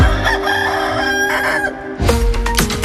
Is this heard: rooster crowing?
yes